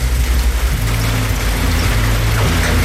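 Heavy rain pours down in a steady, dense roar of hiss that fills the whole clip, with a low droning hum, like an idling engine, running beneath it.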